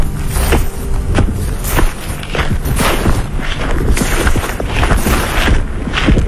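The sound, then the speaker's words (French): Footsteps crunch and shuffle through dry leaves at the water's edge of Lake Memphremagog in Magog, Quebec, in a steady, loud stream of crackling rustles, with no voices. “Je suis à Magog, au bord de l'eau, les pieds dans les feuilles.”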